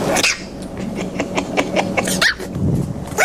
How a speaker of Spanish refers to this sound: ¿Me ladra? Sí, claro, ¿cómo no le va a ladrar?